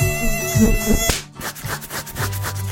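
A mosquito's thin, high-pitched whine buzzes steadily and loudly, breaking off abruptly midway before a rougher, fluttering buzz continues with pulsing swells.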